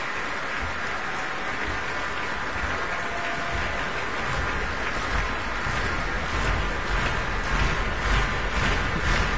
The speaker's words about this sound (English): I think the Promise want more. Kirill Gerstein is coming on stage. Applause from the orchestra too.